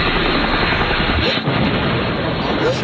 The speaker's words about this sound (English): Did we shoot down the chopper? Thank God.